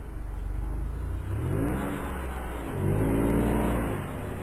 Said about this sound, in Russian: Через некоторое время машина выбралась на ровную дорогу. Папа Давида прибавил скорость, и они быстро поехали сквозь тьму, слушая ровное урчание двигателя.